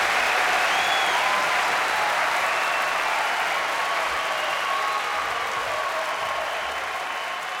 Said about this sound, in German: So ein bisschen Applaus oder Live-Kulisse nutze ich als Übergang für, was ich schon angekündigt habe, zum Eutiner Blues Festival.